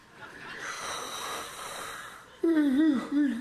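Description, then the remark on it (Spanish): A person imitates the loud, drawn-out yawn of a bored bass drummer: a long breathy inhale followed by a strong voiced, wavering groan that dips and rises before trailing off. “Y cuando iba dando la vuelta así ya para la coronación, pues es que se aburre el bombisto y mete un bostezo de eso como de los de antes.”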